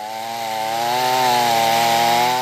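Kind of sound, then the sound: tool, chainsaw cutting wood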